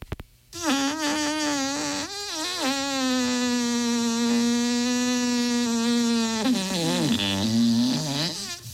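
A long, loud, juicy fart blares, buzzing with a wavering pitch for several seconds before sputtering and dipping lower at the end.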